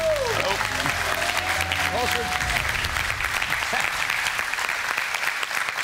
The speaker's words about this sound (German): Jubel!